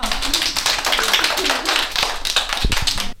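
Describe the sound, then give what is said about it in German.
A group of children clap their hands together in a dense, lively burst of applause that carries on steadily for a few seconds, fairly loud, before stopping abruptly. “Sehr schön, alle mal klatschen, ja.”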